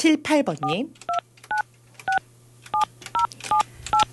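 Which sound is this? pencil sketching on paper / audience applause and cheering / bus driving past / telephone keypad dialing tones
telephone keypad dialing tones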